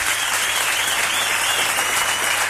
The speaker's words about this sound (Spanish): Un aplauso